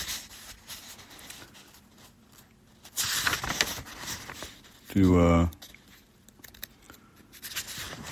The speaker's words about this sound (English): You can hear me turning the pages.